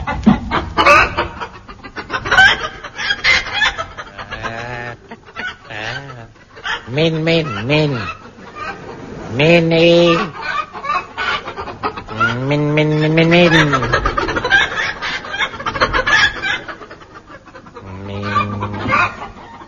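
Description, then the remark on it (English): A person's voice imitates a chicken, giving a run of squawky clucks and drawn-out, wavering bawks, loud and close, for about twenty seconds with short pauses between bursts. “Stop calling that chicken Minnie.”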